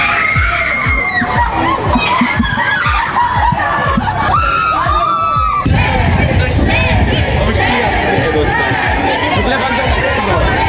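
A dense crowd of fans of the Polish national football team cheers and shouts continuously in Wrocław as the team arrives, with excited high-pitched screams and overlapping chatter, growing slightly louder and busier in the second half; the captain, Robert Lewandowski, draws the most excitement.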